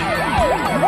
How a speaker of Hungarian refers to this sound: A szirénák.